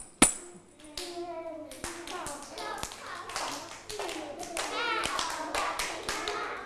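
Hands clap in a steady, roughly once-per-second rhythm, crisp and close, over a busy background of children's voices chattering and calling out.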